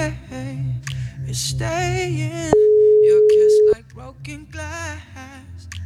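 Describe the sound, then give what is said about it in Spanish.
A telephone line rings out as a call is placed to a contest winner, with one long, steady, loud tone lasting about a second, set against upbeat background music with voices before and after it. “Crucemos los deditos para que contesten.”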